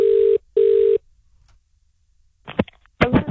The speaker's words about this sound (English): Going to make another phone call to find out how we can help someone live their dream.